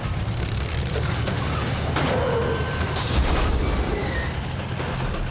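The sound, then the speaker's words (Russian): A heavy tracked tank crushing a truck: a steady low mechanical rumble with creaking, grinding metal and a few loud crunching impacts, loud, with no voices. “Но вот танк наезжает на грузовик.”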